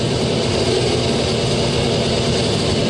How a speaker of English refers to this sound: And a lot of wild sounds. A whole bunch of wild tones is coming in. Very ugly, creaking sounds. Eardrum destroying, nasty sounds. And even sounds like from the dentists.